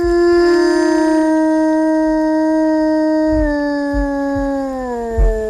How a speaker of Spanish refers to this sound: El aullido del lobo, el que escuchamos, un aullido real, un aullido llamando a su familia, este lobo.